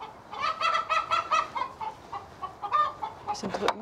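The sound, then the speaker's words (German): Several chickens cackle and cluck in a busy, overlapping chorus as they are chased and caught around a fence and a mobile chicken coop, with rapid bursts of squawking and a sharper, louder call near the end. “Das Gegacker ist groß.”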